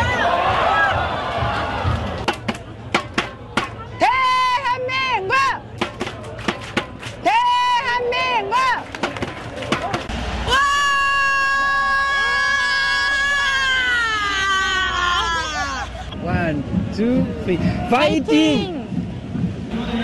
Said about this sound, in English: Well, usually we bring you voices. That was mainly screaming, but it gives us a sense of the passion, I guess, and the global impact of the game as well. French fans of South Korea in Seoul.